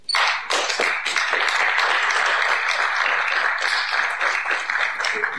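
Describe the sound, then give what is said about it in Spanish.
A crowd at a Rally Copec Móvil event in Negrete applauds steadily, a dense wash of many hands clapping at an even, fairly loud level for several seconds without a break. “quiero que le demos un aplauso.”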